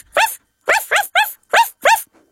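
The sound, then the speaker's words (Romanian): A voice imitates a puppy barking in answer to a question in an animal-sounds game: six short, high-pitched yips in quick, slightly uneven succession, fairly loud and clear, with no other talking. “Cum face cățuzelul?”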